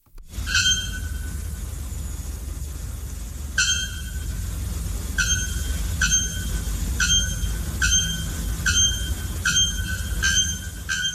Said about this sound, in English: Now, brace yourselves for the haunting shriek of the bare-throated bellbird.